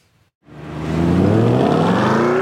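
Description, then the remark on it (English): An IndyCar race car engine bursts in after a brief silence and revs hard on a 1.7-mile street racetrack on the National Mall in Washington, D.C., its pitch climbing steadily as it accelerates, loud with a sustained roar and no talk. “The nation's capital revved up for an iconic race weekend. IndyCar's in town, and they've transformed the National Mall into an epic 1.7-mile racetrack where some of the best drivers in racing will battle it out on Sunday.”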